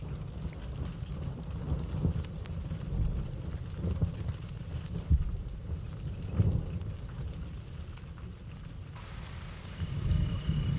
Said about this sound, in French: commence à pleuvoir.